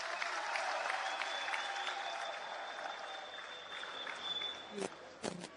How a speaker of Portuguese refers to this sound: De palmas para a rica apresentação do nosso grupo …. Uma salva de palmas. Muito obrigada, grupo …, por esta brilhante apresentação. Uma salva de palmas.